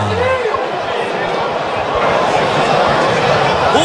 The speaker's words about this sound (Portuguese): Gustavo no ambiental do Joaquim Quirino, vaias e mais vaias da torcida do Goiás, escuta só.